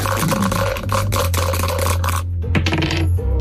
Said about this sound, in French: Je vous donne les dés, vous les lancez, ils nous permettent de passer de case en case